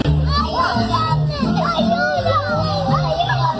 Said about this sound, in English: This is the sounds of two young children screaming for help in Spanish while their mom is arrested and being escorted out of by cops at Disneyland.